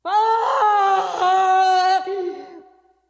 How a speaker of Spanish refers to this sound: Pero al subir al patíbulo, alza la faz con espanto y reconoce su casa, y se yergue, y de sus labios brota un terrible alarido que a todos infunde pasmo.